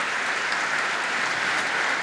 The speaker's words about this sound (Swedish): Han har verkligen lyckats hänföra publiken som nu står upp i bänkarna och applåderar. Ja, han får långa, varma applåder som vi hör.